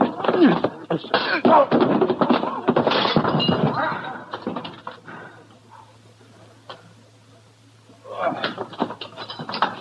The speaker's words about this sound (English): Look, you punches all that was just a lucky punch. That won't happen.